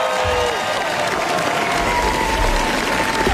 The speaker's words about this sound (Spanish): Y estos son aplausos que, bueno, podrían ser para nuestra corresponsal, pero no, son para Pedro Almodóvar en el Festival de Cannes.